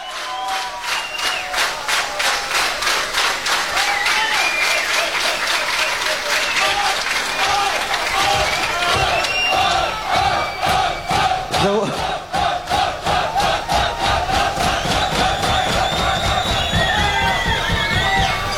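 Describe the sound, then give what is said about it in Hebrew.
A large crowd applauds loudly and continuously with shouts and cheers, answering a host's call to clap with hands up for the performers; the clapping grows into a steady, rhythmic beat as the noise carries on for the whole stretch. “בואו עם מחיאות כפיים, תעשו את החדר שאתם רוצים.”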